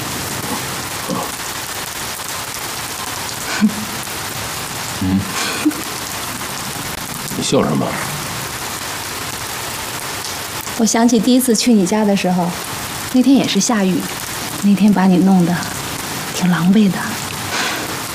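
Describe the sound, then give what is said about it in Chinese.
Steady rain falls throughout with a constant hiss, while people talk over it, mostly in the second half. “我想起第一次去你家的时候，那天也是下雨，那天把你弄得挺狼狈的。”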